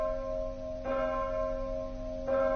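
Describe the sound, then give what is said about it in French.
A church bell strikes nine o'clock in Batavia, two heavy strokes about a second and a half apart, each leaving a long, humming, mid-pitched ring that carries through the pause. “9h, c'est l'heure du crime à Batavia.”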